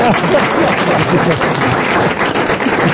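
An audience applauds, with loud, dense clapping holding steady for about three seconds and a few voices mixed faintly into the noise.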